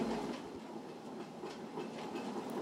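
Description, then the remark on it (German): Historic belt-driven grain mill machinery in Germany, powered by water alone and opened to visitors for the nationwide Mill Day, runs steadily: a continuous low rumble with a rattling, clattering rhythm of wooden and metal parts, fairly even in loudness throughout, with no voices. “Und die sind eben alle noch mit der Wasserkraft alleine angetrieben.”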